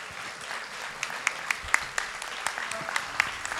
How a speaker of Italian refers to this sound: Abbiamo fatto un grande applauso ai bandisti, facciamolo al maestro.